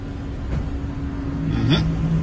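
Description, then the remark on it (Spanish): A car engine hums low and steady, with a brief rise in pitch near the end, as the car drives and parks in a parking garage. “Vean esto, señores, vean esto. El carro se estacionó allí.”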